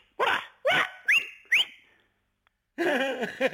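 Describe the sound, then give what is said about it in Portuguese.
A shepherd whistles to call his flock: four short, sharp whistle blasts, each sweeping quickly upward in pitch, in a steady rhythm. After a brief pause comes a longer, rougher, warbling burst of sound. “Eu sabia que havia um assobio. E elas vêm logo.”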